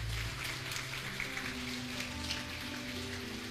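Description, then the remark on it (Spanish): An audience applauding in a steady, dense patter of many hands that holds at an even level throughout, with low sustained tones humming faintly underneath and no voices. “Mientras le dicen, démele un aplauso.”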